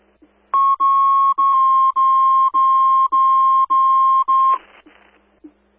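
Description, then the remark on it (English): Avon Fire station-coverage dispatch alert tones: a loud, steady mid-pitched electronic tone pulsing about eight times in quick, even succession, ending in a short burst of static, with no talking. “We'll put the tones on station coverage.”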